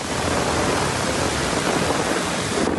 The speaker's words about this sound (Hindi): एक दिन पहले अमरावती जिले में मानसून के बादल इस कदर बरसे कि पूरा शहर ही कुछ देर में पानी पानी हो गया। ये बारिश गर्मी से बेहाल लोगों और किसानों के लिए खासकर राहत बनकर आई।